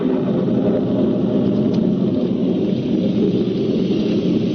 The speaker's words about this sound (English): Soon afterwards, it began to rain. Then a cloud burst hit.